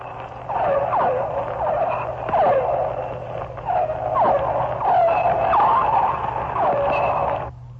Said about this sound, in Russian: Это дельфины. Крупные дельфины. Гринды. Это охотится, вероятно, гринда и издает звуки такие локационные, с помощью которых он ищет добычу.